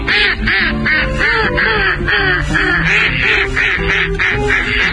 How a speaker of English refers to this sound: Anas Platyrhynchos, the mallard. Today's Talking Birds featured Feathered Friend. Yeah, the mallard we learned not long ago, it's only the female that does that quacking sound.